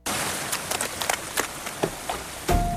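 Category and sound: nature, sudden rain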